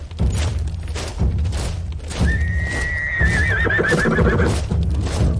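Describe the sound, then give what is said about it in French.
A horse whinnies loudly with a long, wavering call, while steady hoof clip-clops and low rumbling thuds continue throughout, busy, as a military column of horses and soldiers moves slowly. “Ces colonnes se déplaçaient lentement au rythme de la marche des chevaux et des soldats à l'arrière des régiments d'infanterie.”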